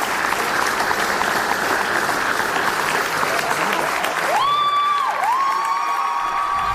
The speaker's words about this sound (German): Das überwiegend junge Publikum applaudierte bei der Generalprobe bereits während der Vorstellung.